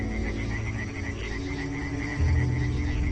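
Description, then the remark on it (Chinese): A dense chorus of European tree frogs calling over one another at night in spring, in warm, rainy weather, a steady pulsing croak that fills the whole stretch and swells slightly louder toward the end, with no voices. “他们先是组建了一支小夜曲合唱队，歌声此起彼伏，整个夜空都回荡着他们热情洋溢。”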